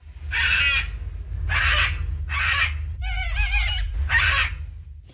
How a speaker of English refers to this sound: That is a cockatoo. The cockatoo beat out the kangaroo, koala, and the bin chicken to become the emblem of the games.